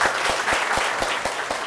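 An audience claps steadily to welcome a guest teacher at a session on careers in beauty, a dense wash of handclaps with a few sharper beats standing out at a regular pace, sustained at an even loudness throughout.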